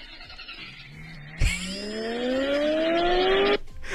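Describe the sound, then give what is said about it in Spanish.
A model toy car makes a sharp click as it is switched on, then its engine sound starts and revs up in a steadily rising whine for about two seconds before cutting off. It is fairly loud, with no talking. “No, Encendió la bocina auto, radio, está, todo está”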